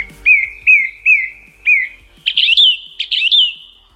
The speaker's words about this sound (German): Das sind Vogelstimmen. Okay, das sind Vogelstimmen. Das ist eine singende Singdrossel, kein Witz.